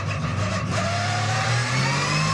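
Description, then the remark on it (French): A race car engine, a GT3R specially prepared for Maxpeak with 560 horsepower, revs hard and loud up to 9500 rpm, its pitch climbing steadily as the RPM builds. The howling, continuous roar has no voices over it. “Mais quel moteur! Quel moteur! Écoutez-moi ce son! Moteur qui prend 9500 tours.”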